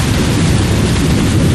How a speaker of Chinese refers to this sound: 下雨